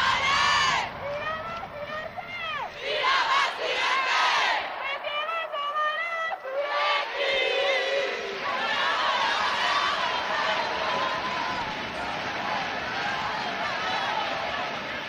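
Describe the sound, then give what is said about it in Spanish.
A loud crowd of fans chants steadily for about fifteen seconds, cheering their players who reached the Copa de la Reina final as runners-up, many voices overlapping in a sustained roar while the team's MVP calls out through a megaphone above the mass of shouting. “al megáfono, la MVP. Vamos a ver si podemos oír.”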